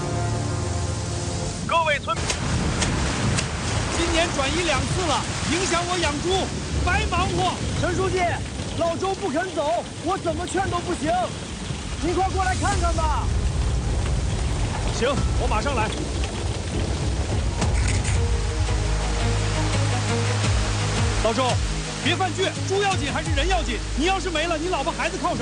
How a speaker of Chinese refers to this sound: 这雨都下了6个小时了，越下越大了。